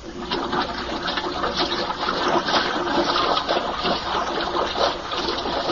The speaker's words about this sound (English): Water's being pumped out.